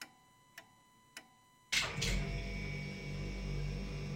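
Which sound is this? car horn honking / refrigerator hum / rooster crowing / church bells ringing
refrigerator hum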